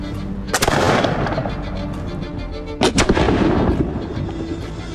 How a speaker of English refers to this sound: And once you get it up to your shoulder, you pull this hammer back until you hear it click. Turn your head, because there's definitely going to be a lot of smoke and flame jumping up here, and then you're ready to fire.